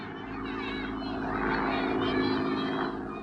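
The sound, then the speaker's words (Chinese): A steady, throbbing drone of Japanese propeller airplanes passing overhead, the engine roar swelling to a peak midway and then easing slightly as the planes begin to pull away. “大家愤怒地瞧着日本人的飞机飞远了”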